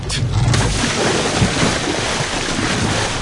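Choppy sea water sloshing around a small boat, with steady wind buffeting the microphone and a low rumbling wash throughout; loud, with no voices.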